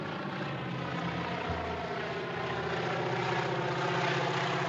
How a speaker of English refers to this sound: And then, of course, he sees this little plane appearing in the distance, you know, dusting crops. And you realize that the plane is there to kill him.